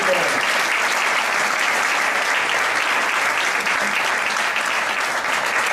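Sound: audience applause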